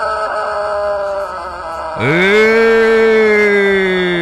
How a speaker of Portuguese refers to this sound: Aí tem galo. Aqui tem um galo que canta barbaridade